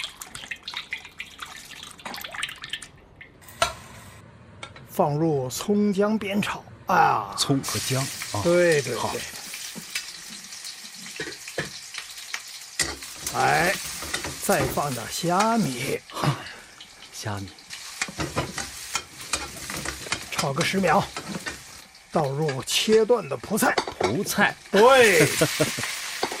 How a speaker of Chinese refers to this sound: 来来来，看我怎么做啊！热锅倒油。